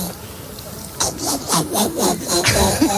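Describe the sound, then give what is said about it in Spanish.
A woman on Basque regional television (ETV) imitates a frog with a quick run of raspy, rhythmic croaks, about six pulses in two seconds, after a brief quiet start. “Una rana.”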